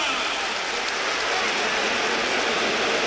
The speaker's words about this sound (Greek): Χειροκροτεί ο κόσμος που θα δυναμιστεί στην ομάδα του Αταμάν.